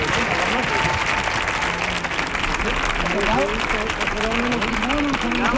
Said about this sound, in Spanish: ¡Fuerte el aplauso para los cuatro! ¡Vamos allá!